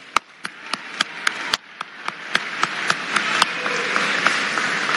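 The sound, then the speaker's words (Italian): A crowd at a Futuro Nazionale gathering breaks into applause for itself when asked to, a dense wash of clapping that swells steadily, with a few sharp, evenly spaced claps standing out as a rhythmic beat. “Buongiorno a tutti, siete bellissimi, fatevi un applauso.”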